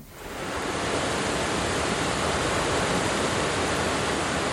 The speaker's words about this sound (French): On passe au son des voix de l'eau. Donc les sons des voix de l'eau, c'est des sons enregistrés par le réseau des lectures publiques autour de la thématique de l'eau.